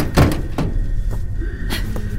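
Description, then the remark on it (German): Several footsteps thud at an uneven walking pace on a normal solid floor, deliberately not metal grating, in a science-fiction spaceship scene of a radio drama, fairly loud, over a steady low electrical hum with no voices. “Die Schritte hier bewusst normal gewählt, nicht das typische Gitter, was man immer so hört in solchen Raumschifffilmen.”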